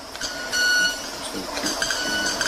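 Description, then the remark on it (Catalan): A small bird gives thin, high, electronic-sounding beeping chirps: one held note, then several shorter repeated peeps over a soft background hiss. “No, és l'ocellet que va fent les seves... Sembla un timbre d'alguna cosa d'aquestes...”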